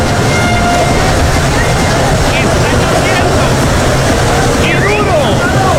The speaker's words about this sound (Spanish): Y eso que escuchan es agua.